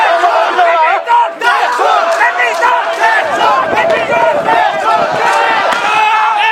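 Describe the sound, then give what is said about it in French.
A large crowd of protesters on the first day of a demonstration, around midday, shouts and chants together in loud, continuous waves as it advances toward Parliament with arms raised, demanding the Prime Minister's resignation; raised voices overlap throughout with no pauses. “Lors de cette première journée de manifestation, aux environs de midi et alors que tout est très calme, la foule avance, les bras levés vers le Parlement, tout en réclamant la démission du Premier ministre.”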